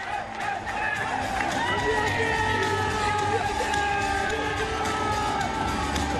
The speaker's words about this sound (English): Every time the crowd gets on the big screen, it's a good chance for them to pump up. You hear a bit of extra noise here.